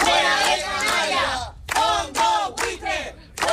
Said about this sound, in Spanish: Y ya escuchábamos los gritos que esta mañana lanzaban en Tenerife por un desahucio.